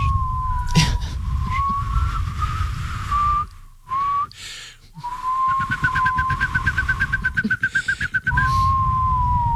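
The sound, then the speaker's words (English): Someone whistles a long, wavering tone that rises and falls like a siren, breaking briefly before a fast fluttering trill, over a low background rumble with no talking. “He says it makes just a soft whistle sound instead.”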